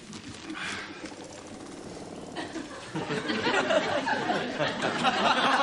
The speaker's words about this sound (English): One of these vibro massage chairs. No, it's the generator does that. It's just that one spot.